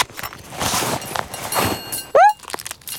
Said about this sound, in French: Alors Toudou fouille farfouille dans son sac à dos.